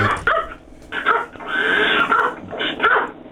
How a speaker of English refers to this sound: Dogs are barking, I can't hear a thing.